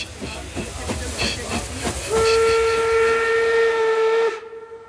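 A steam locomotive chugs along with rhythmic puffs and hiss, then a loud, steady steam whistle sounds for about two seconds before cutting off abruptly.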